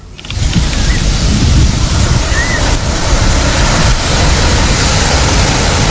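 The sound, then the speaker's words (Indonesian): Steady, loud roar of ocean surf washing onto a beach littered with plastic water bottles, snack wrappers and candy wrappers, rumbling continuously without clear pauses, with a couple of faint high chirps briefly rising above the wash. “Fun, kok bisa ini pantai banyak sampahnya?”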